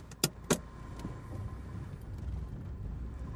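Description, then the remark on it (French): Inside a Renault Twingo car at night in November 2011: two sharp clunks in quick succession, then a steady low engine and road rumble that carries on with no talking. “Boîte en ferraille montée sur quatre roues, qui file à folle allure en rasant le bitume.”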